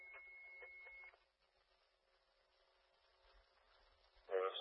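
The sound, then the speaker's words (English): A steady electronic radio dispatch alert tone with rhythmic pulses sounds over a radio channel for about a second, then gives way to hissy radio static with a faint lower hum and a sharp burst at the end. “Can you try those tones again?”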